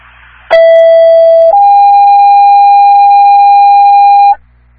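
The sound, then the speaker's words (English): Fire station dispatch alert tones for Station 1: a loud, steady electronic tone lasting about a second, then a slightly higher tone held for roughly three seconds, over faint radio hiss with no talking. “Sir, your station one tones are okay”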